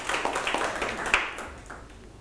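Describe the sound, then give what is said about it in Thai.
A class of students claps for a classmate who has just told a fable, a dense, steady patter of many hands lasting a couple of seconds before it thins out, with a brief louder clap near the middle. “ปรบมือให้เพื่อนอีกครั้งครับ”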